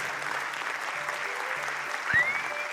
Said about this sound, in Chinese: 哇，谢谢大家吼，热情的掌声啦吼，连续四首歌曲吼